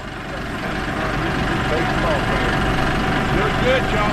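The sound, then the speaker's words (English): A tractor engine idles and rumbles steadily as the tractor maneuvers into a corral, a continuous low, chugging drone with no pauses, while indistinct voices murmur faintly in the background. “The tractor maneuvered into the corral.”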